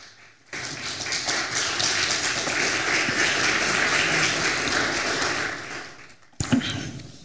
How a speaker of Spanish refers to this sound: ¿Cuánto dicen gloria a Dios? Un aplauso, por favor, al Señor.